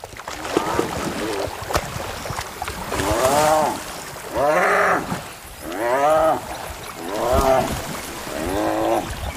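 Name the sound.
spotted hyenas fighting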